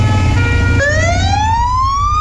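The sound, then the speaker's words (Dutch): A loud fire engine siren wails in Hoogezand during a protest action by the fire brigade museum (Brandweermuseum), not at a fire, with no one talking, its harmonic tone holding steady, then dropping and rising again in a slow sweep over a heavy low rumble of engine and road noise. “Ja, zo klonk het gisteravond in Hoge Zand. Niet omdat er een flinke brand was, maar het was een protestactie van het Brandweermuseum.”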